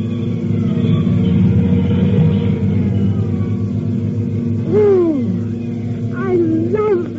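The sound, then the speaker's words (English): At night, a heavy engine rumbles steadily, then a siren starts wailing in rising and falling sweeps, growing louder as a fire engine approaches up 4th Street. No one speaks. “Nobody will remember anything but the engine.”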